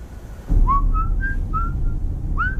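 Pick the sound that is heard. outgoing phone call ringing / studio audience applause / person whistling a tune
person whistling a tune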